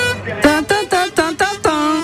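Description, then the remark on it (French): A voice imitates the horn of a Renault truck with a quick series of about six loud, nasal honks in an uneven rhythm, heard alone. “Et là, un klaxon assez particulier, je sais pas si vous l'entendez.”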